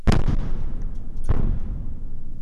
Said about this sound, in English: We heard these explosions for hours near NPR's bureau in Kyiv. The Russian attack started fires around the city and destroyed an apartment building, trapping residents under the rubble.